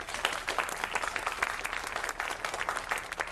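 Steady applause from a crowd, dense overlapping claps forming a continuous crackling wash at an even, moderate loudness throughout, with no voices standing out.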